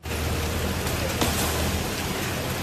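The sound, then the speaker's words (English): Heavy rain from Typhoon Dolphin pours down in Yuhuan, East China, in a dense, unbroken roar, loud, with a steady wash of hiss that barely varies, no voices. “Personnel worked overnight amid heavy rain to clear fallen trees and roads.”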